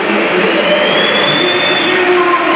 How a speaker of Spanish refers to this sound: Bueno, yo creo que más aplausos, hay algún que otro pito, pero... No, más aplausos para Vini Junior. Es que hay uno que pita muy bien.